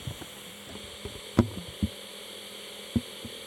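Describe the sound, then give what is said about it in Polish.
Steady, faint hiss from a tape player's speaker with a low electrical hum underneath, broken by a few soft clicks and thumps after the play button is pressed; no one speaks. “Szum głośnika się nagrał.”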